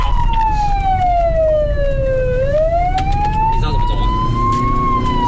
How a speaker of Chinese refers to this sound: 警车、民警笛争分夺秒送腹痛的患者前往医院。